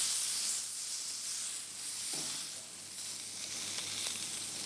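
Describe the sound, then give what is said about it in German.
A 180-gram cube of beef (Beiried) sears in a hot pan, turned on all sides to form a crust: a steady, bright sizzle hisses throughout, with a brief lower scrape or shift of the meat midway, and no voices. “dass innerhalb von weniger Sekunden eine total schöne Kruste entstanden ist.”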